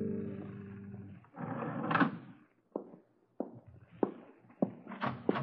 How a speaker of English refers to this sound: Hi there, and hello. You're late. I heard your footsteps in the hall. I opened my door and let out a call.